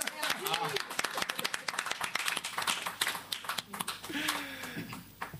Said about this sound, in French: Faut applaudir encore.